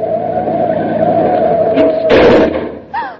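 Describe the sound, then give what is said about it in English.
A steady car engine drone runs for about two seconds, then a harsh, noisy burst of brakes and skidding cuts it off as the car stops quickly in front of a taxi cab. A short rising squeal follows as the car jolts to a stop. “Would you have preferred to have me run into that taxi cab or stop quickly?”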